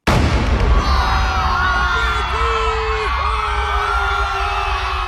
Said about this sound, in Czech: Výstřel z křižníku Aurora zahájil velkou říjnovou revoluci.